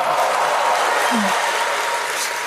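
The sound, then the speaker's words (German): A crowd applauds loudly and steadily, dense clapping filling the whole moment with a few shouts and cheers mixed in, energetic throughout; the audience is cheering and clapping to vote for answer A in a quiz. “Wer glaubt hier, macht mal mit Rufen und Applaus, wer glaubt, es war A, die versteckte Erektion?”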